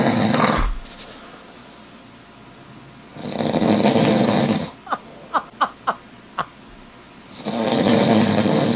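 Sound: man snoring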